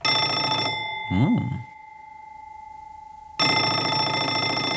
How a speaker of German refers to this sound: Telefon.